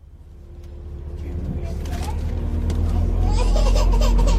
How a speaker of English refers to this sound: You used to be able to drive right to the base of Angel's Landing, but now you have to take the caterpillar-like shuttle bus from the new visitor center.